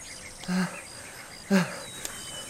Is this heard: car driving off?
no